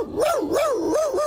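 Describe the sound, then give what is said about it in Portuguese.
In a studio, the dog that for years played Inspector Max in a TV series vocalizes in one continuous, wavering cry that rises and falls in pitch several times, more a warbling yowl than separate barks, with no one talking. “Quem não gostou nada de ouvir isto foi o cão que durante anos fez de Inspector Max e que está hoje connosco em estúdio.”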